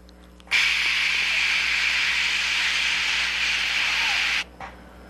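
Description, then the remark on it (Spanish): A voice imitates white noise like the static of old picture-tube televisions, as heard on a phone call, with a steady, loud hissing "shhh" held for about four seconds, cutting off abruptly and followed by a brief, fainter puff of hiss. “Esto se conoce como ruido blanco, como cuando prendías antes las televisiones del cinescopio y había una estática.”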